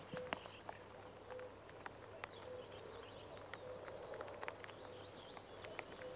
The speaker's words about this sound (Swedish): Så att, och göken ropar där bakom dig så att nog känns det som maj i ljudbilden. Ja, nu är göken igång. Ska vi lyssna lite?